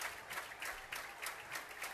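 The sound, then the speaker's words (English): A large stadium crowd at a baseball game claps and cheers during a 3-ball, 2-strike count in the bottom of the sixth inning, with Alabama leading 3-1, in a steady, dense wash of noise, swelling in quick rhythmic pulses of applause. No one speaks over it. “Crowd coming alive.”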